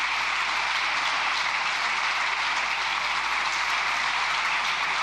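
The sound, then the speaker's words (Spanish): Sustained applause from Partido Popular deputies in the Spanish parliament after Alberto Núñez Feijóo's speech to Pedro Sánchez, a dense, steady wash of many hands clapping at once, loud and continuous throughout with no voices standing out. “Muy aplaudida esa intervención de Feijó por los diputados populares.”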